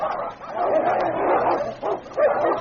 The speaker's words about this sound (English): Only Pooka, the wild and untamed, continued to bore in. Time and again, the two great dogs came to grips, then rolling over and over, each seeking the other's throat.